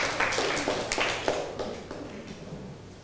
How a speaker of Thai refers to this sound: ขอเสียงปรบมือให้กลุ่มที่3หน่อยเก่งมากเลย